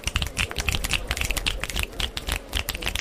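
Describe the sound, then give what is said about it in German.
A rapid, irregular patter of sharp finger snaps, many overlapping like a small snapping applause, keeping up steadily for about three seconds with no voices. “Schnipsen ist also sowas wie Klatschen mit nur einem Finger.”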